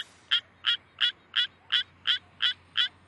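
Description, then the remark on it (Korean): A Suwon treefrog calls in a steady series of about eight short, rasping notes, evenly spaced roughly three per second, fairly high-pitched and clear over a quiet background with no voices. “수원청개구리가 저렇게 힘겹게 별을 움켜쥐면서 저 불편한 자세로 노래를 부르고 있습니다.”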